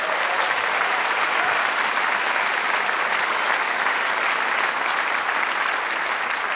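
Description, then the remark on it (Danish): Steady, full applause from a sizable audience, dense clapping that holds at a constant loud level for several seconds with no voices standing out. “Giv ham et bifald.”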